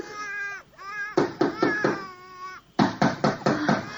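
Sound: baby crying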